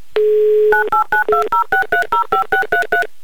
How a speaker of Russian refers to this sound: А я тем временем набираю ваш номер телефона.